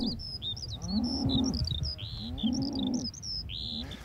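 Cows low in two long, deep moos, one after the other, while birds chirp and tweet steadily in high, busy bursts throughout.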